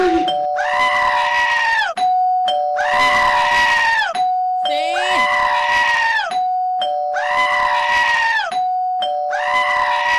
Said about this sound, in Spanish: Es el grito que merecemos todos, ¿no? Sí. Es momento de gritar.